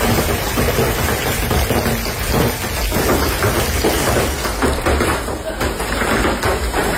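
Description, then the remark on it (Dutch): A severe hailstorm with thunder and pounding rain in Belgium at night, a dense, loud and steady clatter and roar that fills the whole recording without letting up. “Ja, het was echt noodweer met zware hagelbuien, onweer en regen.”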